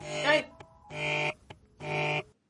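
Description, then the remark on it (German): A telephone rings three times in steady, evenly spaced bursts, each a bright, buzzy electronic tone, fairly loud, with faint clicks in between. “Telefon!”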